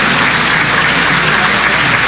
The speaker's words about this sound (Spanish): Luego él impondrá la banda presidencial a la nueva presidenta del país. Entre aplausos.